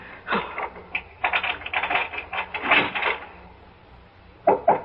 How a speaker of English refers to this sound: I'll be sure and put the chain bolt on. I will.